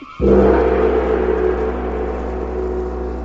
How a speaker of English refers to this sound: But the sound of the great gong tells me I must lock the book once again.